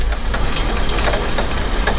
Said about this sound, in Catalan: Anem a acostar el micròfon i pujar una mica el volum, vinga, a veure si es pot sentir. Això és un aiguat que està caient en aquests moments a Barcelona, que m'està picant l'aigua a la finestra, cosa que mai passa aquí.